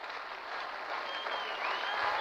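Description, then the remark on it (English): Baseball fans give rhythmic applause during a game as a runner stands at first base, a dense, steady wash of clapping that swells slightly toward the end, with no voices standing out. “Some rhythmic applause from these iCub fans.”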